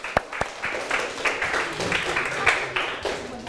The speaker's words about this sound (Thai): ปรบมือให้ตนเอง